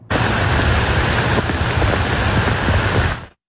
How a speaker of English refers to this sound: This is a look at the downpour that we saw early this morning in the Byward Market when storms rolled through the capital.